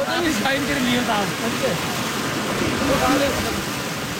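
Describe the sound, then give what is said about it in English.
Steady, dense rushing of stream water flowing through a spring in Kashmir during a festival, as villagers move through the stream holding baskets to catch fish, with indistinct crowd shouting and calls rising and falling over it throughout. “In the middle of the rushing water and shouting crowds, a villager lifts his basket”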